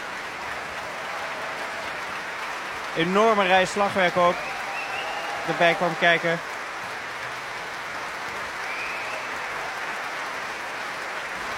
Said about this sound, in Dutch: Hier staat de saxofonist op. Echte prachtige vondst natuurlijk in de orchestratie van Rachmaninoff om daar een saxofoon in te brengen. En verder gaan hier alle blazers krijgen een apart applaus.